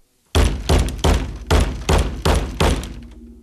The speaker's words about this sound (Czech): Jednou jsem dokonce od ní dostal po hlavě umělohmotným škopkem, kterým jsem měl podloženy nohy. Znělo to zhruba takto.